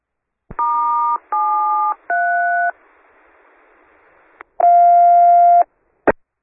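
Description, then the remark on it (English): Three telephone keypad tones beep in quick succession, followed by a soft line hiss, a click, one longer steady tone and a final click. Loud, with no one speaking. “Here's the phone.”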